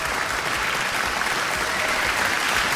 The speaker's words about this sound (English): Okay, applaud the Zay, s'il vous plaît.